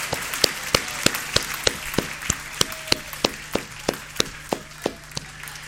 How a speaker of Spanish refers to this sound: Póngase de pie y déle un fuerte aplauso al Señor de gratitud, de alegría.